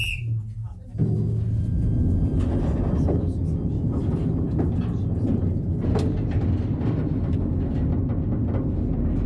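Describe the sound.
A small mine train on a mine visit rides through 300 metres of mine gallery with a loud, steady low rumble and intermittent metallic clicks and clatters, starting abruptly after a brief quieter moment, with indistinct voices mixed in.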